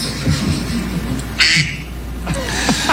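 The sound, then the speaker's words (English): A duck-quack ringtone on a man's phone sounds: a couple of short, nasal honking bursts over a steady low hum, moderately loud, with no one talking. “I don't know, but that was his ringtone.”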